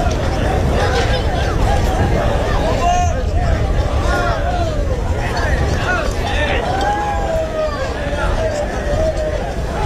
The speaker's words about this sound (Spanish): Sonido de ese encierro del pilón con vacas de Pedro Domínguez que han volado por el recorrido, prácticamente 50 segundos de encierro, con un hombre trasladado al hospital universitario por politraumatismos tras una caída bastante aparatosa